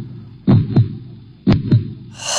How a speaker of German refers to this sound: Und wenn wir ganz, ganz, ganz, ganz leise sind, dann hören wir jetzt den Herzschlag von unseren zwei neuen Azubinen.